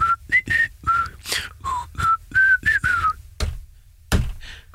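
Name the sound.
whistled melody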